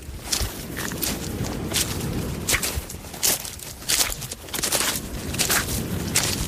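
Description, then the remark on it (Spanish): Pebbles on the natural beach of Nules clatter and rattle as water washes in and out over them, a dense stream of sharp clicks and crunches riding a steady rushing wash that swells and eases every second or so. “Cada vez que el agua entra y sale de la orilla, los cantos rodados chocan entre sí, formando una melodía imposible de confundir.”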